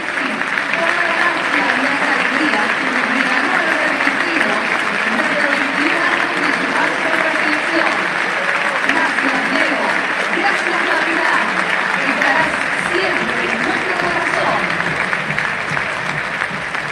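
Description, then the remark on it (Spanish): A huge crowd at the Estadio Monumental applauds steadily in the 10th minute as a tribute to Lionel Messi, with everyone including the referees clapping, a dense, loud wash of clapping with cheering voices rising and falling underneath. “El minuto 10, escuchen el aplauso de todo el Estadio Monumental de Ramírez y los protagonistas.”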